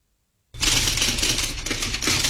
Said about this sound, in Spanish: Sí, justo me agarro una máquina de escribir y te voy a decir una frasecita.